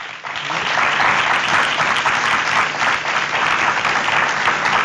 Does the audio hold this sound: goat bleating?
no